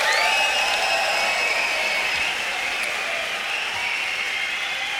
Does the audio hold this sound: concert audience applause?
yes